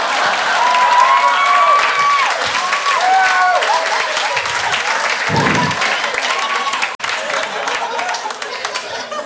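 A crowd claps loudly and steadily, with whoops and rising whistles and a few shouted cheers mixed into the dense applause. The sound stays full throughout, dipping only briefly near the end.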